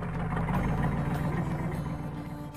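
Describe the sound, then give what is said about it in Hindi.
A truck engine idles in a steady, low rumble after the truck arrives and stops outside the village school in Rastapal, holding a constant throb with no voices, then easing off slightly toward the end. “रास्तापाल की पाठशाला के बाहर एक ट्रक आकर रुका।”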